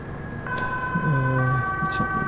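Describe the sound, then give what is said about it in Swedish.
An ambulance siren wails with steady, two-tone sustained pitches as the ambulance drives off, fairly loud, over low traffic rumble, with faint voices murmuring underneath. “En ambulans.”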